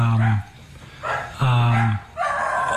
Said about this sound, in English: Is that your dogs? Nope.